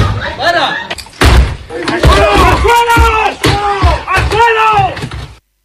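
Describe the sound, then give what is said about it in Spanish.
Heavy thuds and slams strike a door several times at an irregular pace while men shout loudly and urgently, a tense, chaotic forced entry by police into a house during a search, recorded by the police. “Estos son algunos de los momentos de mayor tensión grabados por la policía durante su entrada a dos casas de un total de 26 registros en domicilios y en naves.”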